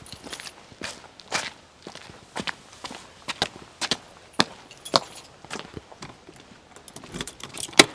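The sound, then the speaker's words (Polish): Keys from a tour set jangle and clink in irregular bursts, with metallic clicks as a lock is worked open at an observatory housing Poland's largest optical telescope, amid a few shuffling footsteps and no talking. “Czy Pan pamięta, które klucze od które?”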